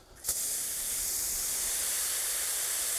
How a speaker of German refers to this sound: Das Ganze muss einmal richtig nass sein. Wenn es einmal feucht ist, reicht der natürliche Niederschlag. Aber einmal richtig angießen, obwohl noch kein Baum da ist, muss sein.